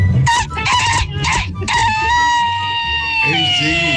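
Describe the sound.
A person imitates a rooster's crow, with a few short choppy bursts and then a long, loud, sustained call that bends downward at the end, over a low background murmur.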